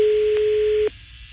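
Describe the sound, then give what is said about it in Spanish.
A steady, loud telephone ringback tone holds for just under a second with a brief click partway, then cuts off abruptly, leaving faint line hiss. “Está sonando el teléfono, ya está sonando.”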